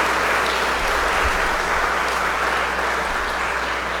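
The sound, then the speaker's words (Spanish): Steady applause from an audience at a Mass, honouring a man's birthday: a dense, even wash of clapping that holds at a constant loud level for the full four seconds with no voices breaking through. “regalémosle un fuerte aplauso, bendiciones.”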